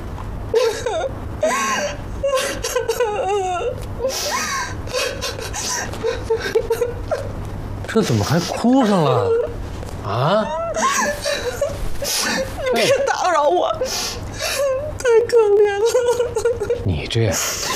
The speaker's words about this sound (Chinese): 这怎么还哭上了？啊！你别打扰我，太可怜了。你这呀，就是在别人的故事里流自己的泪。那都是演员，都是假的。